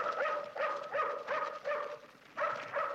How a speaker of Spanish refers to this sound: Una sombra que avanza hace ladrar al perro de Reina